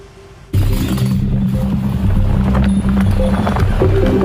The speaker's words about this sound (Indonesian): Seekor kuda lepas kendali hingga menabrak mobil yang melintas di wilayah Bantul, Yogyakarta pada Minggu siang.